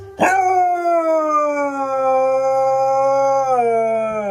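A dog lets out one long, loud howl, a steady drawn-out tone that slowly sinks in pitch and wavers slightly near the end, with no one talking.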